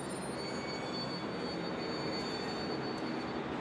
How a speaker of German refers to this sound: Wieder zurück am Zentralbahnhof in Haifa warten wir auf den Zug nach Tel Aviv.